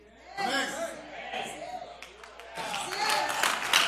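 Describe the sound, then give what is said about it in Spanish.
Audience applause during a pastor's sermon, a broad crackling wash of many hands, rising and falling beneath a man's speaking voice, with scattered sharper claps swelling again toward the end. “Los escépticos desgraciados que no aplaudieron, les voy a dar una.”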